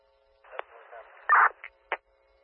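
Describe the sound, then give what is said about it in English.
Radio dispatch alert tones, sent at 00:18, come through a scratchy, band-limited channel: a brief burst of radio hiss broken by a few short, sharp blips and a louder chirp near the end, moderately loud. “Time of tones, midnight 18.”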